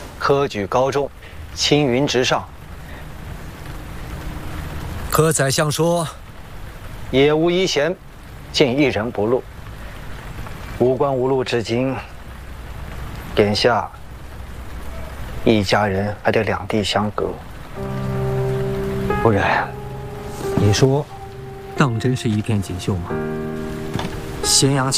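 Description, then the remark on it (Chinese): Steady rain falls over Chang'an city throughout, a soft continuous hiss beneath voices speaking in short bursts, with a few sustained musical tones near the end. “只听到长安城的哭声和雨声。”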